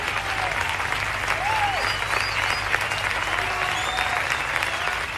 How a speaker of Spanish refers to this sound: Un aplauso. Gracias.